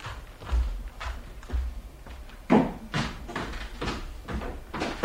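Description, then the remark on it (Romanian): The entrance door is handled and opened: a run of dull thuds and wooden knocks with rattling in between, spread across several seconds, with no voices. “Ușa e deschisă.”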